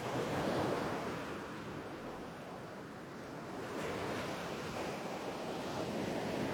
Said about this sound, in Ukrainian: У вісні Олесь сидів на березі моря і дивився на нього. А море дивилося на Олеся і шурхотіло усіма своїми хвилями.